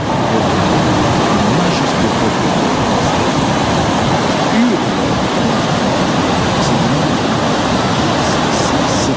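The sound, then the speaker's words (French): A sound effect of waves: a steady, loud rush of crashing waves, a dense roaring wash of water that fills the whole recording without pause or distinct surges, heard on its own with no voices. “Et comme j'aime bien illustrer les choses, je vous avais mis un petit son de vagues.”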